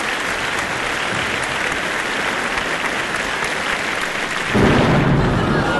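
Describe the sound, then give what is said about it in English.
A steady, dense hiss like pouring rain fills the scene, then a deep, loud rumble of thunder swells in near the end and keeps rolling. No one speaks. “Well, guess the storm is here. Whoa! That's quite a storm.”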